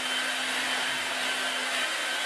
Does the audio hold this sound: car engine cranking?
no